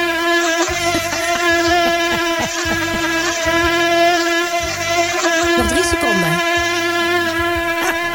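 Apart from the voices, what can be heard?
mosquito buzzing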